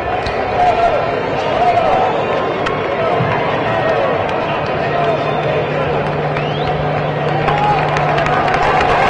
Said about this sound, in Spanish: La gente está aplaudiendo a Camacho, está aplaudiendo al equipo. Algunos.